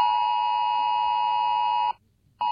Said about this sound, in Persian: این سامانه هشدار جدید تلفن همراه است. SA-ALE، راهی سریع و مطمئن برای ارسال پیام‌های مهم و اضطراری به مردم، یا همان VMA برای حفظ امنیت و آرامش همگان.